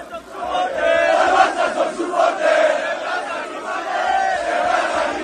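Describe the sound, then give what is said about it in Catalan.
A large crowd of Barça football fans cheers and chants together, celebrating in Plaça Catalunya, a dense, continuous roar of many voices with rising and falling swells and no single speaker standing out. “poc després ja, com que la Font de Canaletes estava en obra, la festa, els aficionats, la van fer a la plaça Catalunya.”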